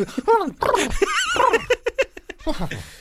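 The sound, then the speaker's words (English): A person imitates a dog with a string of whiny, yelping vocal sounds that rise and fall in pitch, fairly loud, ending in a few short rhythmic yips. “That's an impression of a dog.”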